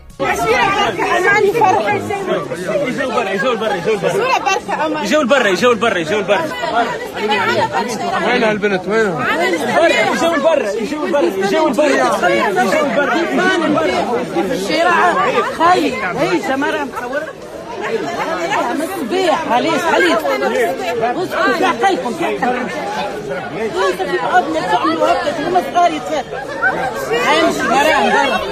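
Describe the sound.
A dense crowd chatters and calls out continuously, many overlapping voices forming a loud, steady hubbub that barely dips for the whole stretch, with occasional shouts rising above the babble.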